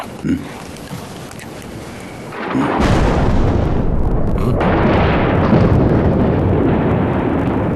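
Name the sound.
thunder rumbling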